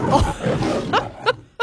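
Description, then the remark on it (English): A lion's roar from a film studio logo, loud: a long, rough, rumbling growl that breaks into three short, sharp grunting bursts, heard on its own with no one talking. “Is it the lion in the Paramount thing?”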